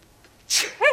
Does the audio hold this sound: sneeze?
yes